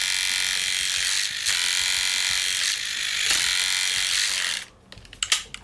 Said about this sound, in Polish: A teraz mamy pracę, sam silnik, bez głowic gorących i trymer. Czyli trymer jest taki głośny.